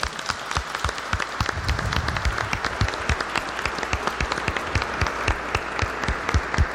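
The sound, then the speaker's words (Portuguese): An audience at a church service applauds to welcome the Word of God before the Bible reading, many hands clapping in a dense, sustained patter with some sharper individual claps standing out, with no one speaking. “Como nós fomos acolhidos no início, acolhamos a palavra de Deus com uma salva de palmas.”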